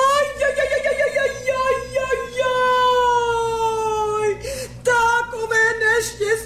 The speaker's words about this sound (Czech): Proč pláčeš, dobrá ženo? Ajajajaj, narodilo se mi dítě, jen se podívejte, vidíte?